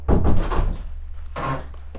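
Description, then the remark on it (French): A door is pushed shut with a clattering bump, followed a moment later by a softer rattle of the latch, over a steady low hum with no talking. “Attends, je vais fermer la porte.”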